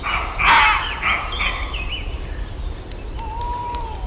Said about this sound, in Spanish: vamos a escuchar los ladridos de los lobos, de los zorros, ahí, en combinación con los ladridos de los corzos. El carnívoro astuto con el corzo. El suavecito ladrando es el zorro, claro. Corzo, zorro. Toma ya. Esto sí que es en redes, en Asturias.